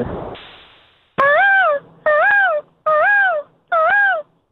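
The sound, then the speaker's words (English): A person imitates a peacock call: four loud, evenly spaced wailing cries, each rising then falling in pitch, preceded by a brief rush of noise. “That sounded exactly like the peacock.”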